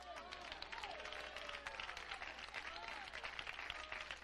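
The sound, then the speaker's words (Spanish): Steady applause from an audience for the mayor of Alejandría, a dense crackle of many hands clapping at once for several seconds, with a few voices rising and calling out faintly underneath. “Hermano, ese aplauso es para el alcalde de Alejandría, ¿verdad?”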